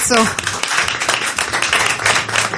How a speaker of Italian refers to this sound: Fategli un applauso.